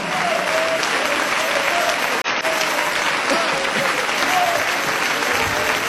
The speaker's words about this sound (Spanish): Ponte de pie y dale ese aplauso de alabanza a Jesús. Ponte de pie y dale ese aplauso de alabanza al Cristo de la gloria.